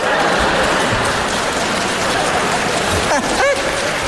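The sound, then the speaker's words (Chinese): Steady, dense applause from an audience fills the whole clip, a loud hiss of many clapping hands, with a brief rising vocal whoop or whistle near the end. “你瞧瞧，嘿， 谢谢各位智慧的掌声。”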